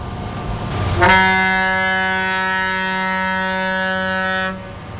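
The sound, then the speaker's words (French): A boat's horn sounds one long, steady blast of about three and a half seconds, loud, over a low background rumble, with no voices, as La Fillonnerie, a traditional wooden Loire barge on the Bateau Labo expedition, moors to a river barge at Île Saint-Denis in October 2025. “La Fillonnerie, chaland de Loire traditionnel en bois, s'amarre à une péniche.”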